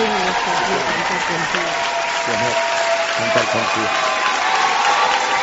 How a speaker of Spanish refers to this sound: Está interpretado en uno de estos realities, ¿no? Se nota además la orquestación, todo, se escucha ahí los aplausos, los comentarios.